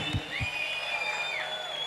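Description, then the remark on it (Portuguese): An audience applauds and cheers itself for its participation in a steady, dense wash of noise, with a sustained high whistle rising over it and a couple of low thumps near the start. “Obrigado, palmas para vocês também pela participação.”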